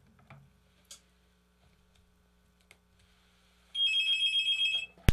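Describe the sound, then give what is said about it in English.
A single loud electronic telephone ring, a warbling, trilling burst lasting about a second, comes after several quiet seconds of low hum and a few faint clicks, as a listener calls in to a radio call-in show. “If you don't make this telephone ring, this is a call-in. Ah, good, somebody's calling.”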